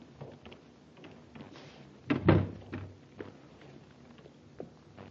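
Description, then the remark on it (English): The door of the Zakra Importing Company opens with a sharp latch click and a heavy wooden thunk partway through, surrounded by a few faint creaks and light handling noises. “Try the door. It's open. Somebody must be here. Let's go in.”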